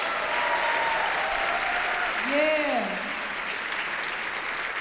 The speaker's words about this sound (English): When I'm from, when we say …'s name, everyone claps.